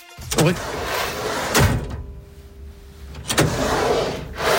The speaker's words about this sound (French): Est-ce que c'est un tiroir que l'on ouvre et que l'on ferme?